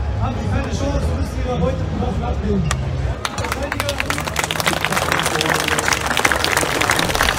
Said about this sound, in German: Die Zuschauer hinderte es nicht daran, lauthals zu applaudieren.